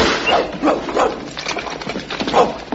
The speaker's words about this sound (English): I say, what a whopping great dog. Yes, he's half Alsatian and half Nelson. And just a touch of Shetland pony.